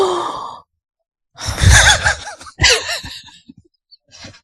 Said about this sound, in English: Was that that gasp? Was is it that shocking? Oh my god!